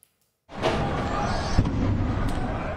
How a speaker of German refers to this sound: Ein Auto brennt. In der Stadt sind Detonationen zu hören.